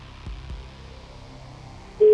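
A faint line hiss with a couple of soft low thumps, then a loud, steady telephone ringback tone abruptly starts right at the end, close and clear.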